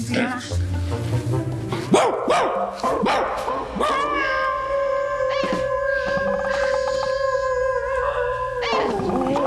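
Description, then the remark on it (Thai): A person imitates a dog howling, producing a long, wavering, sustained howl after some brief yelping sounds, loud, with no other talk over it. “ไม่ต้องจ้างไม่ต้องจ้างพี่หอนเหมือนกว่าพี่หอนเหมือนกว่าดู”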